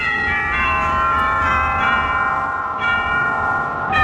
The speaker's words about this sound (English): First of all, what about the church bells? They sound as though... Some very nice bells.